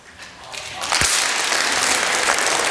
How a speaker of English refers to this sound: Psalm 47. Clap your hands.